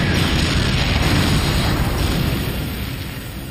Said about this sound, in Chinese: 我们停在 T-34 坦克后面10米处，朝他开了一炮，打中了 T-34 坦克。 T-34 坦克爆炸了，炮台被炸飞了3米高，落下来差点砸到我们的坦克。